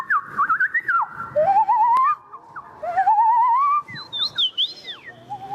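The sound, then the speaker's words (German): A person imitates bird calls at a bird-voice imitation championship in a city centre, with a series of whistled phrases: warbling trills, long rising glides and a few high, quick chirps, ending with a crow call, fairly loud and with no talking. “Mit einer Meisterschaft, die ein Stadtzentrum für einen Abend in einen Wald voller verschiedener Vogelstimmen verwandeln kann.”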